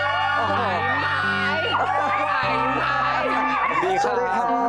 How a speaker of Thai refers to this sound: เสียงกรี๊ดแบบนี้ไม่ใช่เป็นเพียงแค่ครั้งนี้ น ะที่ผมได้ยินทุกครั้งที่ผมเจอพี่ปันปันเนี่ยไม่ว่าจะไปโชว์ตัวที่ไหนก็ตามจะได้ยินเสียงกรี๊ดแบบนี้ตลอดเลย